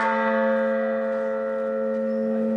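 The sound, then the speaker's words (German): A single large church bell, tuned to A and inscribed 'Resistamus' (Let us resist), rings out with a rich, sustained tone and layered overtones, humming steadily and slowly decaying, loud, with no voices. “Dubitemus, Lasst uns zweifeln, ein G. Resistamus, Lasst uns widersetzen, ein A.”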